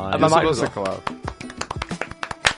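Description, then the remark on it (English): A voice speaks briefly, then a short run of scattered hand claps follows after an improv scene, about a dozen sharp, uneven slaps at moderate volume, some overlapping with faint background talk. “You can't clap yourself. Put those hands down.”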